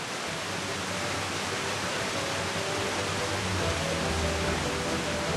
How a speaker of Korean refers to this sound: 옛날 신만이들이 산삼을 기원하며 목욕 재개하던 폭포라죠.